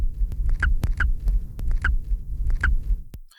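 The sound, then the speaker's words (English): A nestling emerging from the nest gives about four short, squeaky squawks at uneven intervals, heard over a steady low rumble and a run of sharp rhythmic clicks or thumps. No one speaks. “This vocalization was also produced only during nest emergence, and it sounds a little bit like a squawk or a squeak or a squibble.”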